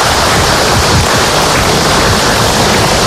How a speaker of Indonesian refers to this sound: Tepuk tangan buat ibu-ibu semua yang hadir hari ini.